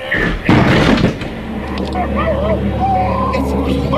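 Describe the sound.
A heavy thud and crash as people throw themselves against a door to break it open and it bursts open, one loud splintering impact lasting under a second, followed by urgent overlapping voices speaking German.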